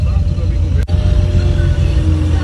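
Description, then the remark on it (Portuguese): A truck rumbles past on the Translúzia road, where a sign prohibits trucks, its heavy engine drone loud and steady in the low end throughout, with a brief dip in the noise partway through. “Tem placa lá falando que é proibido caminhão. E aí, ó. Novamente caminhão.”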